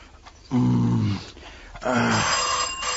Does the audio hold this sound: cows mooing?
no